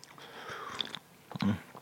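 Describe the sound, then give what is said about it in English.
Biting and chewing of a cream-filled biscuit: a crisp crunch, then a few soft, moist chewing sounds and a louder bite near the end, with no talking. “Pathetically useless if you bite down a third time.”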